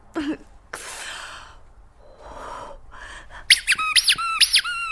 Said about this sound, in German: Das ist meine Geburtstags-Quietsche-Ente Birthday Bert und der hat null Chill für deine Scheiße.